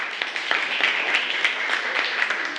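A group claps steadily for a few seconds, a dense patter of many overlapping hand claps at a moderate, even level with no one talking over it.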